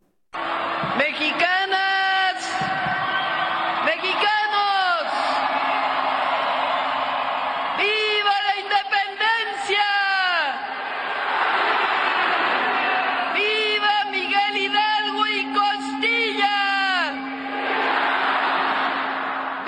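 A massive crowd of more than 180,000 people roars continuously in Mexico City's packed Zócalo during the traditional Independence Day grito led by Claudia Sheinbaum from the National Palace balcony, with repeated waves of loud, unified shouting and cheering over a constant wash of noise.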